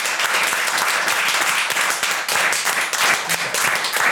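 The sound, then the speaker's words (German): A crowd at the Rathausplatz applauds steadily to thank the event helpers on the Song Contest final day, many hands clapping in a dense, continuous wash of sharp claps that stays loud and even throughout, with no one speaking. “Deshalb großer Applaus, vielen Dank an euch alle.”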